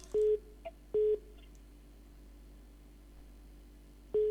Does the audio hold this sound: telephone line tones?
yes